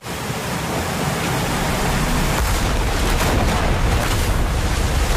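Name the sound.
ocean waves crashing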